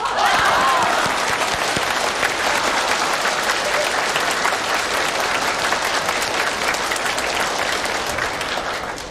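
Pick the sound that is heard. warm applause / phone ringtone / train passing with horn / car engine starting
warm applause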